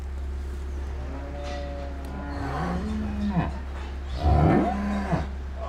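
Cows low several times over a steady low hum, with long wavering moos rising and falling in pitch, one louder call near the end, in a barn at calving time on a farm in Stur, Lower Saxony, Germany, where two cows gave birth that morning.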